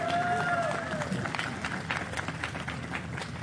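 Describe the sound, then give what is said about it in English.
An audience applauds steadily for a choir, with dense, continuous clapping throughout and a short rising-then-falling whistle at the start. “We have a round of applause for our choir.”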